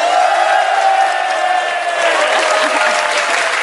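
An audience applauds and cheers, a steady, dense wash of clapping with voices and whoops mixed in, loud and sustained throughout.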